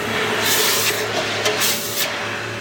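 A freshly hammered and centered piece of hot metal is dropped into a bucket of water, giving a loud, steady sizzling hiss with a few sharper bursts of steam, continuous throughout.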